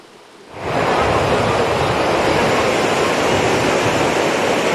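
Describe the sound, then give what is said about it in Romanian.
Strong wind roars over crashing sea waves on a seaside beach during a summer storm, with red flags up and swimming banned, a dense, loud, continuous wash of surf that swells up after a brief quiet start and holds steady throughout. “Din cauza vântului care bate cu putere, salvamarii au interzis complet intrarea în apa mării, spre dezamăgirea miilor de turiști.”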